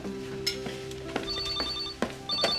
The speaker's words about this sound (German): Oh, Telefon.